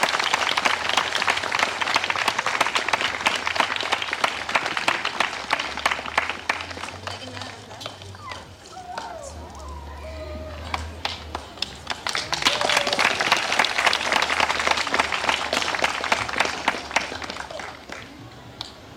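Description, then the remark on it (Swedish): Sustained audience applause at a prize-giving ceremony, for a prize recipient. Many hands clap in a dense, loud wash that eases to a softer patter mid-way, with brief murmurs, then swells again before tapering off. “Så en varm applåd och tack för ditt engagemang.”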